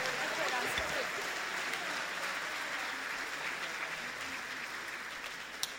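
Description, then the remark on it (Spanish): An audience applauds for the Lord in a steady, dense wash of clapping that holds at an even loudness for several seconds, with a few voices mixed in underneath. “Un aplauso para Él, bendito sea el Señor.”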